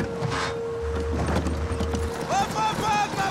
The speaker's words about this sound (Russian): Солдат верхом на лошади нагоняет машину.